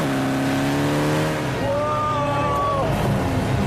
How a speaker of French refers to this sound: Moteur 208 chevaux. 1,9 litre turbo. 400 mètres en 11 secondes 8.